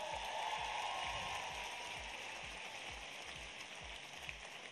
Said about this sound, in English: Good afternoon, Tennessee. Let's give my friend Charlie Hatcher a big round of applause.